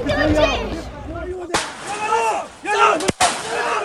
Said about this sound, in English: We've just heard 2 shots fired from down below in this village. The army and the settlers are both down near the Abu Aliya house.